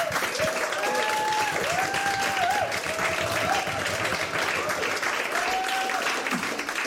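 Sustained applause from an audience fills the room, dense steady clapping with a few whistles rising above it, holding at an even, fairly loud level throughout.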